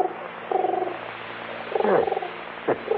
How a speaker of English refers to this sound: How about that? Pigeon on the windowsill. Yeah, he's looking for food.